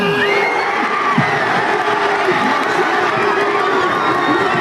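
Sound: football fans cheering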